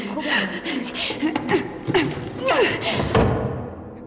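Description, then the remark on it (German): A drawer slides open and things inside get rummaged through, with a run of irregular thumps and knocks, while someone makes brief vocal sounds and a soft chuckle in between. The person is searching the drawer for a deposit slip. “Wir finden es vermutlich in dieser Schublade.”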